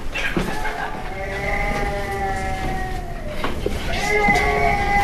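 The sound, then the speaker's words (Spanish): A baby who has just woken up cries in long, drawn-out wails, high and strained, with a few short catches of breath between them; the crying stays steady and fairly loud for the whole stretch. “Fuera, sí, está llorando, está efectivamente. Llorando. Se ha despertado.”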